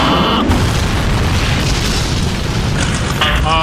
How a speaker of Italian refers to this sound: Credo che l'aereo di Mavericchia, come comandante, che sia schiantato al suolo.